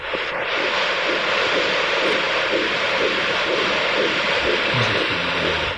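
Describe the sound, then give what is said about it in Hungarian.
The fetal heartbeat of one of two babies on a doppler monitor: fast, steady whooshing pulses beating through a loud, constant static hiss, with no voices. “Jó, akkor most még a szívhangokat is.”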